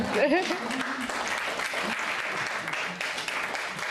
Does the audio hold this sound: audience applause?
yes